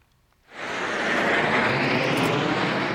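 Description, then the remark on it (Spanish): Military aircraft roar overhead during France's 14 July National Day military parade, which featured about a hundred aircraft: a broad, steady rushing drone that swells in abruptly after a quiet half second and holds loud and constant, with no voices. “Ha sido el último de Macron como presidente y ha querido que fuera el más grande hasta la fecha, con casi 7.000 soldados a pie, un centenar de aviones y más de 300 vehículos militares desfilando.”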